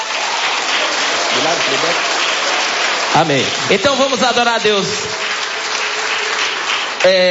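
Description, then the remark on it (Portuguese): A crowd claps hands steadily and loudly throughout in praise of God during a worship service, a dense wash of applause, while a man speaks briefly over it partway through. “Pode louvar a Deus com as palmas.”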